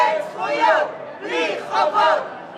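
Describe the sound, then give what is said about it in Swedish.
A crowd of many protesters in Jerusalem shouts slogans in three loud, chanted bursts while holding up signs behind police barriers and riot fences by a café, the overlapping cries swelling and easing with short dips between each surge. “Och hela tiden så står ju då motståndarna, eller de som försvarar det här kaféet, står alltså bakom polisens avspärrningar, bakom kravallstaket, håller upp skyltar och ropar slagord.”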